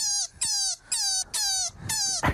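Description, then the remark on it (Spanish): A rabbit squeaking: five loud, shrill squeals in quick succession, each sliding slightly downward in pitch, with brief gaps between them and no talking. “¿Esto hace un conejo?”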